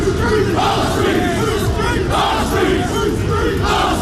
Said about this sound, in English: That was them shouting, "Whose streets? Our streets," yesterday. Kent police confirmed no arrests have been made during the demonstration.